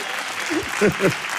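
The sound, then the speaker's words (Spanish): An audience applauds in a steady, dense wash of clapping that fills the short clip, with a voice briefly speaking or calling out over it toward the end; the applause is for the girls and boys of the programme Un Nuevo Sendero hasta el Manantial. “Un fuerte aplauso para todas las niñas y los niños del programa de Un Nuevo Sendero hasta el Manantial.”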